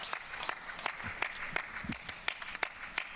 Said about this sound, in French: Sous les applaudissements du coach chinois.